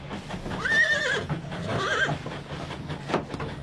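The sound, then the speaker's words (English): A horse whinnies twice in quick succession, shrill, wavering neighs, aboard the Pitchy Ritchie Railway heritage train in South Australia's Flinders Ranges, with a steady low rumble of the moving train underneath. “They love it when they find out that they've got the horses on board.”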